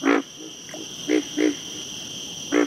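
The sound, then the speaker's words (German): A frog croaks in short, buzzy calls repeated every third of a second or so, some loud and some faint, over a steady high-pitched insect drone. No one speaks. “Auch Frösche bedienen sich oft eines Rhythmus von 2 Tönen pro Sekunde.”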